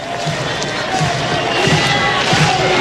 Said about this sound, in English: And this is a big pitch coming. Crowd getting into it. This is a regional type atmosphere here on the Plains.